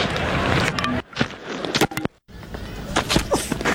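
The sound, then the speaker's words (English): A cricket ball strikes the wicket with a sharp wooden clack and a brief rattle of stumps, set against steady outdoor noise, followed by a few lighter knocks. “Cricket ball hitting a wicket.”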